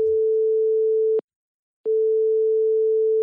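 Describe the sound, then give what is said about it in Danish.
A telephone ringing tone on an outgoing call to a communications and campaign chief at Realdania: a steady, single-pitched electronic tone that sounds, cuts off for a short pause, then resumes. It is clear and prominent, with no voices. “Jeg ringer til”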